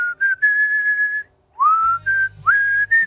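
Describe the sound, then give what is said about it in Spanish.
A clear whistled melody from a song's intro, in a few sustained phrases with upward-sliding notes between pauses; partway through, a low steady instrumental backing comes in underneath. “Y mola porque empieza a sacar la letra, y como sacó la letra, empezó a sacar la letra y a silbar el”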